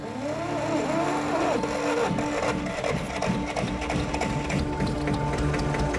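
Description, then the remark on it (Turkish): A generator engine, being started up again to turn conveyor belts, runs steadily, a continuous mechanical drone with a buzzing, whirring tone and faint rattling that holds at an even, fairly loud level throughout, with no voices. “Tamam, ben gidip jeneratörü tekrar çalıştırayım.”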